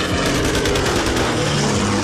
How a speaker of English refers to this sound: We heard machine gun firing, and two of us in one raft and the pilot in the second raft lashed together. And the bullets went, you know, between our legs and armpits.